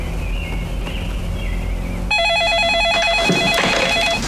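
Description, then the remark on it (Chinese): After about two seconds of quiet background hiss, a telephone starts ringing with a loud electronic trilling tone that warbles rapidly between two pitches and keeps going to the end. “哎，好，你等一下，爸，你电话。”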